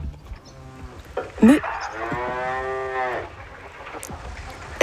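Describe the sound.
A person imitates a French cow's moo with one long, drawn-out lowing call, fairly loud, rising and then falling in pitch. A short bump of noise comes just before it.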